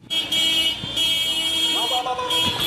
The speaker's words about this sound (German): Soldaten mit geschulterten Gewehren lassen sich auf hupenden Pickup-Trucks durch die Straßen von Mekelle fahren, der Provinzhauptstadt von Tigray.